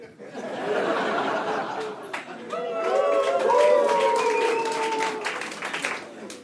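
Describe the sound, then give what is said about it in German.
A crowd breaks into applause and cheering on cue for a performer calling himself their ruler, with steady clapping and rising shouts and whoops that swell midway, then taper slightly toward the end. “Euer Herrscher. Jubel!”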